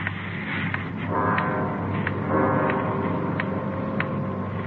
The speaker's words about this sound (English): Loud clock, ain't it?